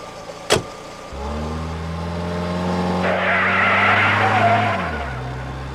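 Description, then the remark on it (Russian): A sharp thud, then a car engine revs up steadily, joined by a loud, sustained tire screech for about two seconds as the car takes a fast turn. “ты это того, полегче на поворотах.”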